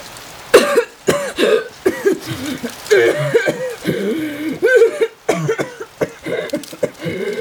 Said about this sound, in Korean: 바람에 실린 젖은 낙엽 냄새에 기침이 나왔다. 손으로 황급히 입을 가리지만 한 번 터진 기침은 쉽사리 멈추지 않는다.